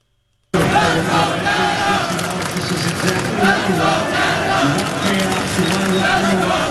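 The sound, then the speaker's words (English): A packed crowd of Canadians roars and cheers continuously at a soccer watch party in Canada, cheering on Canada's men's soccer team against Morocco, a loud, dense wall of shouting voices that swells and surges without pause after a brief silent start. “Watch parties have been set up across Montreal and the entire country this afternoon as Canadians cheer on the men's soccer team as they take on their toughest opponent yet, Morocco.”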